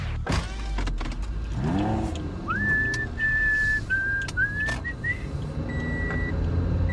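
A driver gets into a car: the door thumps shut and the engine cranks to life, then someone whistles a short tune over the steady idle rumble. No seatbelt click is heard, as the driver has not fastened the seatbelt.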